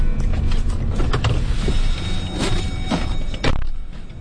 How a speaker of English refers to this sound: I'm riding with Lee on a commercial logging road in Greenville, south of Moosehead Lake.